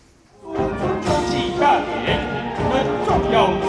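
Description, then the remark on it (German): A busy outdoor crowd of spectators murmurs and chatters throughout a National Day military parade on the square before the Presidential Office in Taipei, Taiwan, with sustained brass-like tones of march music running underneath, moderately loud and continuous after a quiet start. “Soldaten in Paradeuniform, Marschmusik und Zuschauer, die alles mit dem Smartphone festhalten.”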